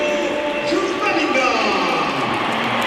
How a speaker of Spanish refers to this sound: Aplausos para Bellingham y ahora vamos a escuchar la ovación que se va a llevar Carvajal porque sale por tren Alexander-Arnold. Ahí lo tienen. Aplausos para Dani Carvajal.